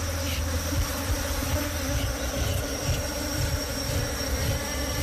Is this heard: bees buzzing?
yes